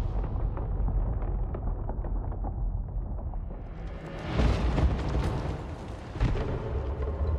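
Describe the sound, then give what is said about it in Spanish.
A deep, continuous rumble swells into a loud, bright explosive burst as a chalice explodes into countless particles, releasing a cloud of vapor, with a crackling, shattering spray of debris, followed by another sharp impact near the end. No one speaks. “El cáliz explota en innumerables partículas, liberando una nube de vapor que derriba a Deck, Tía y Bot.”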